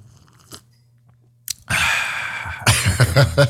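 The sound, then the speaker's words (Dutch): A noisy slurp draws in a sip of coffee for about a second, followed by a few short wet sucking and swallowing bursts. A brief click comes just before, with no talking. “Ab hamjaila slok wale, sunie.”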